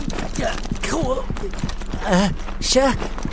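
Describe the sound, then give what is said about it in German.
Quick, evenly spaced footfalls of someone running, a steady patter throughout, overlaid by wordless vocal exclamations and whoops that rise and fall. “Vom Rennen wird Huckepuck ziemlich dolle durchgewirbelt.”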